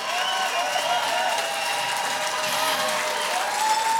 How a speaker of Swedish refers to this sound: Stående ovationer från publiken i Årskogens Folkets Park.